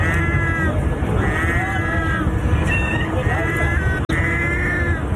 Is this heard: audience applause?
no